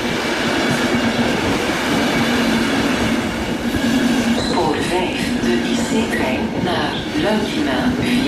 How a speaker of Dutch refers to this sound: de IC-trein naar Luikina via Gent-Sint-Pieters komt zo dadelijk aan op spoor 5. Deze trein stopt in Aalter, Gent-Sint-Pieters, Brussel-Zuid, Brussel-Zuid.